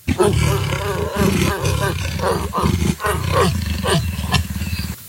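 A leopard growls loudly and continuously for about five seconds, a deep, rough rumble pulsing in uneven rasping bursts before cutting off abruptly.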